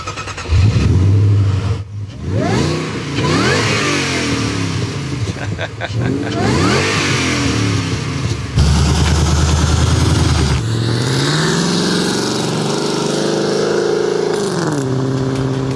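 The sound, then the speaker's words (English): A loud Sprint car with a rear wing and a modified exhaust revs hard and pulls away, the engine note rising and falling through several gear changes before settling into a steady, throaty rumble as it moves off. “Let's hear it as you drive off, mate.”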